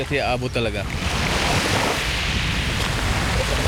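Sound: waves on a beach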